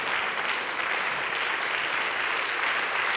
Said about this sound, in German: Und das war die 2026er Ausgabe von HFM Goes Radio auf SR Kultur. Das ist euer Applaus. Schön, dass Sie hier waren im großen Sendesaal auf dem Hallberg, aus dem wir uns live jetzt verabschieden.